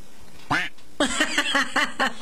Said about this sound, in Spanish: Y yo sé por qué pusiste ese ruido. Ya lo sé. Ya lo sé. ¿Hay alguien que volvió otra vez? Por eso hiciste ese ruido. Ahora viene el pato.